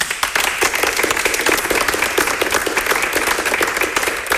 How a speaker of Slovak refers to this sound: ale naozaj na to, že sme to robili krátko, tak túto pieseň, tak zaspievali ju krásne. Zaslúžia si veľký potlesk.